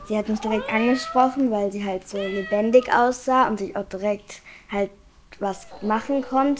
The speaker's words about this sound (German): Und sie kann auch miauen. Und sie schnurrt auch sehr viel. Die Katze bewegt sich, reagiert, schnurrt, miaut.